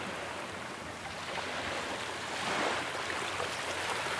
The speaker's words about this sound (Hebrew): לאט לאט אתם יכולים להעביר את תשומת הלב שלכם, הצילים של הים, לגלים שעוטפים אותנו.